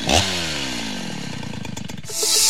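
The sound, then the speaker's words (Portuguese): A Stihl chainsaw engine roars loudly, its pitch sliding down from a high rev into a throbbing, pulsing idle before surging back up to a harsh full-throttle whine. “Na Dom Bosco a Estil ronca alto e a parceria acontece.”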